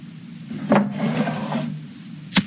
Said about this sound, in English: Let me just grab that candle from the desk and light it.